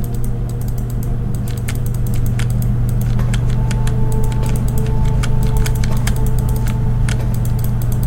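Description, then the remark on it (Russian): Crisp mouse clicks tap out in an irregular, fairly quick series, dozens of them, as someone clicks through all the cells, over a constant low electrical hum with no voices. “Можно попробовать прокликать все ячейки.”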